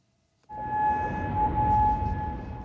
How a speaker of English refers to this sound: Sirens blasted in Kuwait during the early hours of Sunday morning.